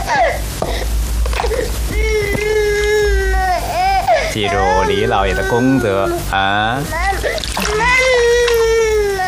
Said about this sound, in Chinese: 这孩子哭声大，将来做官也大。